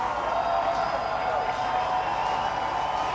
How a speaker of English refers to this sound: This crowd getting loud. Missions one strike away from their 20th victory of the season.